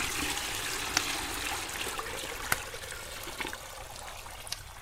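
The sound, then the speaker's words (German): Hot water pours steadily into wooden tubs with a continuous splashing rush, broken by a few sharp knocks and clatters. No one speaks. “Hilf mir mal jemand mit den Zubern durch die Tür.”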